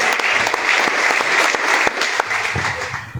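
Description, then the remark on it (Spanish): An audience of brothers and sisters at a gathering of small communities claps steadily for a few seconds, a dense, even wash of many hands with no voices standing out. “Un fuerte y caluroso aplauso, hermanos y hermanas.”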